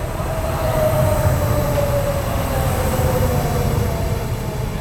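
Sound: train ride ambience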